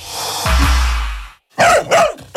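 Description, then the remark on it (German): Two loud, sharp dog barks in quick succession, following a low rumbling wash of noise that fades out just before them. “du schnapp dir das Funkgerät, lauf, guter Hund.”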